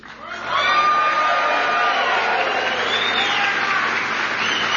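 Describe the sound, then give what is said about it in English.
A large crowd at a Campaign 2026 rally in Sterling Heights, Michigan bursts into sustained applause with cheers and whoops for a trucker, rising quickly after a brief moment and holding loud and steady for several seconds. “Now, I made y'all clap for him before I told you that he's actually from my home state of Ohio.”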